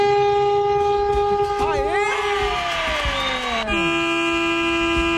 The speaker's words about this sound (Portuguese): Fala aí, mano, fala, mano, fala, mano. Essa buzina fala, é pra você, ó. Vai.